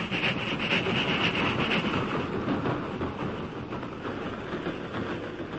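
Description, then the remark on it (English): A train carrying a gold shipment rumbles steadily along the tracks after reaching the crest of Jackknife Hill and continuing westward, a dense, loud roar of grinding metal and rolling wheels with faint rhythmic clatter, fading slightly toward the end. No voices. “When the train had passed, the masked man turned to Tonto.”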